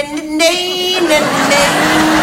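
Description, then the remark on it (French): Someone vocally imitates an office espresso machine making coffee, a loud, steady droning hum that turns into a breathy, sputtering hiss, held for a couple of seconds with no words. “Parce qu'il entendra la machine espresso qui, contrairement à ce que pense Georges Clounet, ne fait pas...”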